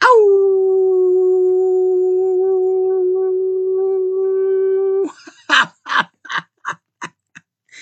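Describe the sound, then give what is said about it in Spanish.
A long, steady howl holds one pitch for about five seconds, loud, then breaks into a quick run of short yipping bursts that fade out. “Sean felices y un apapacho, todo mi amor y un aullido.”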